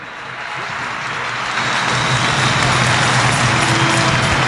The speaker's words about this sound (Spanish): Palabra de Dios. Un aplauso fuerte a la palabra de Dios.